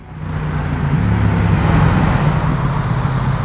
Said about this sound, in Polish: Ruchliwa nawet poza godzinami szczytu. Aleja Palki to jedna z ważniejszych dróg na trasie łączącej północ z południem Łodzi.